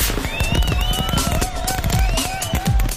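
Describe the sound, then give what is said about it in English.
Fireworks crackle and pop in a dense, continuous barrage, with whistling rockets rising and gliding in pitch over repeated sharp bursts and low booms, loud throughout. “Get to Big Charlie's Fireworks and load up on enough fireworks to really impress your family.”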